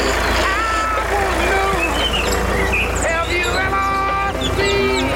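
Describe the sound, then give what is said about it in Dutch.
A tractor is started and its engine drones steadily with a low, constant rumble, while music with bright melodic tones plays loudly over it throughout. “Altijd op de trekker met wat muziek op de achtergrond.”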